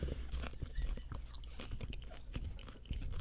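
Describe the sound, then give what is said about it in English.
Wet chewing and crunching of a giant handful of organic popcorn, with irregular bites and soft crunches continuing steadily for a few seconds, no talking. “Let's do popcorn. I'll stick my fat mitt in there. A giant handful of it.”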